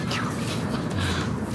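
bird, seagulls calling

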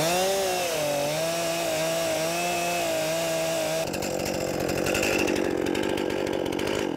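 tool, chainsaw cutting

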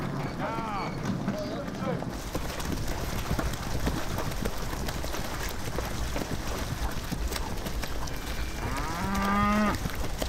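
animal, cattle mooing

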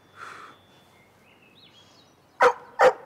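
animal, dog barking

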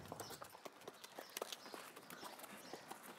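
animal, horse hooves walking

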